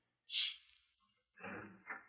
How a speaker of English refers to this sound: I'm going to open up the door and listen.